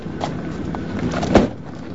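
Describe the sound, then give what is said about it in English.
A single solid thunk of a car door shutting as a man stops the car and gets out, one sharp hit standing out over a low rumbling background, with faint shuffling movement before it. “stops the car and gets out menacingly.”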